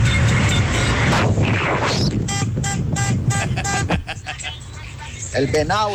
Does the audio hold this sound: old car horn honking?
yes